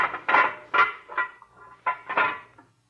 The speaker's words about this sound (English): Now, we go through this little steel door.